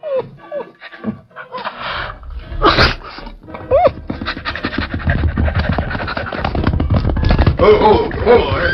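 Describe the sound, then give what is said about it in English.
A collie dog, Shep, snorts and whines while waiting by the hitch rack in front of a cafe, short nasal snuffs mixed with thin rising whimpers, growing into steady, busy panting and snuffling toward the end. “Look, that collie dog over there.”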